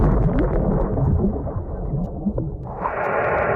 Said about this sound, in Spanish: Así es como suenan distintas explosiones de bombas bajo el agua.